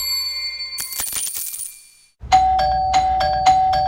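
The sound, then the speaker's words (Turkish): A doorbell-style ding-dong chime rings out loud as cargo deliveries arrive: a shimmering cluster of bright bell tones, a brief pause, then three evenly spaced strikes over a steady ringing tone. No voices. “Durmadı bonusluların zilleri. Ding dong ding dong.”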